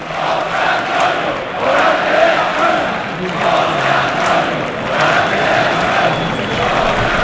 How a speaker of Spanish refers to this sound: Palmas por bulería. Que no habíamos escuchado la maestranza nunca, ¿eh? No, palmas por bulería en la maestranza.